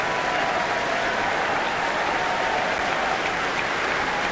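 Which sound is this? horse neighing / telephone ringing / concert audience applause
concert audience applause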